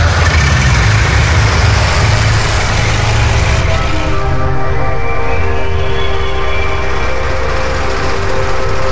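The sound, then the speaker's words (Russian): A heavy truck engine roars loud throughout, its pitch climbing into a strained, rising whine partway through as the wheels spin and slip in mud on a road soaked by rain, on a dull, warm day. No voices. “Дороги раскисли после дождя, колеса то и дело буксовали.”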